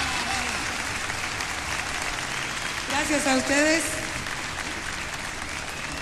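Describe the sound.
Steady applause from an audience fills the whole clip, a dense wash of clapping. Around the middle a man's voice speaks briefly over it before the clapping carries on.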